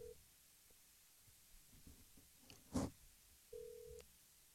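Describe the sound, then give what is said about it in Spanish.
A phone line rings on the caller's end while waiting for an answer: a short steady tone at the start, a sharp click, then another flat ringing tone near the end, over a quiet, faintly humming background. “Yo le hago una llamada telefónica.”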